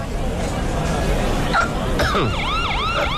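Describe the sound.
A police car siren rises and falls in quick wailing sweeps, starting partway through and growing clear over a busy, murmuring crowd of voices at a barbecue restaurant as police cars arrive.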